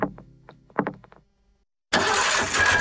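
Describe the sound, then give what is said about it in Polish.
A car engine cranks with several quick rhythmic turns of the starter, falls silent briefly, then catches and roars into a loud, steady running engine. “Silnik mówi, coś mi nie pasuje.”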